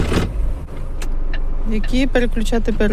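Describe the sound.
The engine of a large truck, 9 metres long, is started by a driver on a driving-licence exam track on the outskirts of Kyiv. It turns over and settles into a steady low rumbling idle, with muffled voices talking over the engine noise toward the end.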